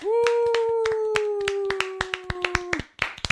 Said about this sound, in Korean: 혹시 우 한번 다시 해봅시다. 박수 치면서 하나 둘 셋.